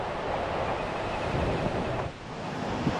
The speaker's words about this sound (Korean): 이제 골든서클의 활용 점점이라고 할 수 있는 굴포스 폭포에 왔습니다. 지금 아직 폭포에 다가가지 않았는데도 대지를 적시는 이 폭포의 갱음이 막 들려요. 멀리서도 폭포에 물보라가 보이는데요.